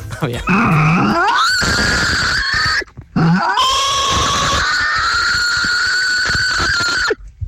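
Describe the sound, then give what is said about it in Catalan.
A person imitates a pig or wild boar with two long, loud, strained squeals, starting as low grunting before rising into a high, harmonic screech that holds steady for several seconds. “o intento fer, el porc o el senglar, que de fet em diuen el senglar a vegades.”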